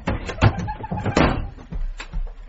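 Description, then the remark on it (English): A wooden wardrobe door is pulled open and shut again with a few quick knocks and rattles, fairly loud, with faint movement around it. “Quick, hide in the wardrobe.”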